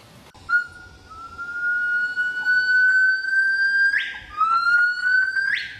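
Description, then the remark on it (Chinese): High, pure whistling calls of Hainan gibbons at about 6 a.m., declaring territory, rising steadily in long sweeping notes and ending with sharp upward swoops, ringing out clearly over a dense bed of insect-like background noise. “6点左右，海南长臂猿开始鸣叫，音色高亢婉转”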